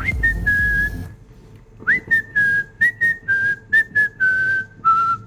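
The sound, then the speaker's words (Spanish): A clear whistled melody from a song, starting with one long held note, then a short pause and a string of brief, separate notes that gently fall in pitch, fairly loud. “Mucha, cómo me gusta esa canción, de verdad que cómo me gusta ese silbidito de...”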